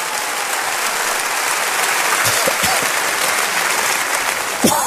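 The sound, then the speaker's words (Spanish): A large audience applauds steadily to welcome first-time visitors, a dense wash of clapping that holds at an even, fairly loud level throughout, with a slight swell near the end. “Denles un aplauso.”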